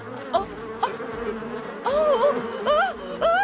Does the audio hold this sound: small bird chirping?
no